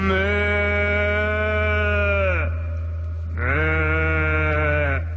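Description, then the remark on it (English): A person's voice imitates a cow mooing, with two long, loud, drawn-out moos separated by a short pause, clear with no other talking. “Okay, three dogs and a fake cow.”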